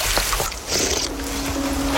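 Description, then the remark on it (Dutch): Water sloshes and splashes as it is scooped from a stream, a river ditch in the Netherlands, and drunk, with a brief watery burst midway over a steady outdoor rush and low background rumble. “Ja, jij drinkt hier dus uit een rivier in Nederland.”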